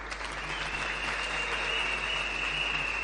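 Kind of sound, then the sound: crowd, audience applause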